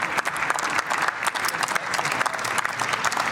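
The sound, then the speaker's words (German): Sustained applause in a parliament for the women footballers who made history against Belgium, many hands clapping in a dense, steady patter at fairly loud level, with no voices standing out. “Und in der Regel ist es der Regierungsbank nicht erlaubt zu klatschen.”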